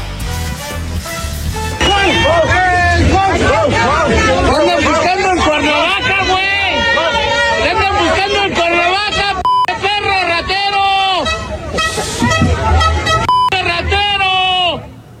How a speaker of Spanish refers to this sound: estuvo lleno de celebridades y entre ellas estuvo el diputado Cuauhtémoc Blanco, que no se salvó de los gritos de varios asistentes que se encargaron de expresarle mucho, mucho amor. Chequen esto.